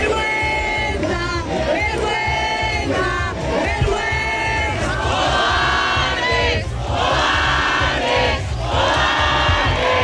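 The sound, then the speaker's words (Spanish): A street protest crowd in the morning, in front of a residential doorway, shouts and chants against an investment fund, many voices blending into a loud, continuous roar with rhythmic rises and swells, occasional piercing yells cutting through the din. “Es el grito de la calle hoy frente a la voracidad de un fondo de inversión y la incapacidad política.”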